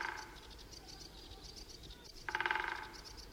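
A woodpecker's rapid drumming roll on a dry branch of a tree on Valaam island bursts out for about half a second, a fast even rattle of knocks against wood, with birds chirping softly in the background throughout.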